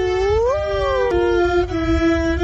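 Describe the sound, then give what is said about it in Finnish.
A young calf on a farm, not yet able to moo properly, lets out a long, wavering attempt at a moo, its pitch climbing then leveling into a steady, slightly strained tone, loud and with no one speaking. “Ei se vielä kunnolla ammu.”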